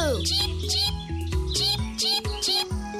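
A little chick peeps in a string of short, high, chirping calls, about five or six in quick succession, heard over steady background music with sustained low notes.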